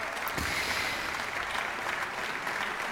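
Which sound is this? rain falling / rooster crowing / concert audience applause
concert audience applause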